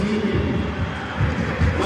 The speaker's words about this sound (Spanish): Ahí está Díaz, que queda con la jineta de capitán. Lo aplaude el público.